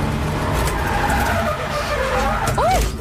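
A loud race car engine roars continuously while tyres skid and squeal, ending in sharp, swooping screeches as the car spins out.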